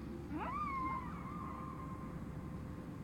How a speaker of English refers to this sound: I wonder what they're saying. Well, those are the whales.